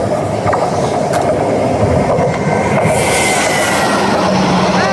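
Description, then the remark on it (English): A train rumbles past, a steady loud roar of rolling wheels and rail noise with a rising metallic squeal in the second half and no voices. “I mean, it sounds like maybe a Western. Sounds like Needles. Train.”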